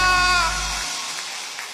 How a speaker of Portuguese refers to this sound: aplauda mais forte porque ele merece.